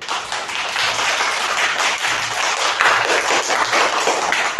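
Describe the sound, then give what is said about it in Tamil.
A crowd breaks into loud, sustained applause, many hands clapping densely and steadily for several seconds with no voices standing out. “கைத்தட்டுலாம் பலமாக கிடைக்குது உங்களுக்கு.”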